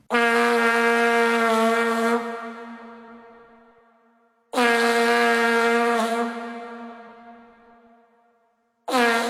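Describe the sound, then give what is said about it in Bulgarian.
A vuvuzela blares in long, steady blasts: two sustained buzzing notes of several seconds each, the second fading slightly at its end, then a third blast begins. Loud, brassy and unwavering in pitch. “Понеже от тогава не съм чувал някой да надува вувузел, нека да си припомним как звучи този не съвсем музикален инструмент.”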